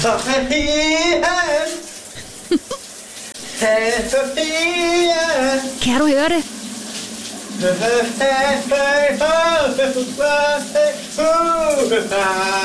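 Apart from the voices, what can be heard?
shower running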